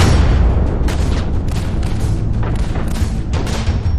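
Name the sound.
artillery cannon fire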